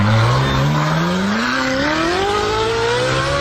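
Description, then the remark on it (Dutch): The original Ferrari (not the electric one) engine revs up loudly, its pitch climbing steadily from a low growl to a higher, rasping whine over about three seconds, with no talking. “Model zelf, dit is de originele Ferrari.”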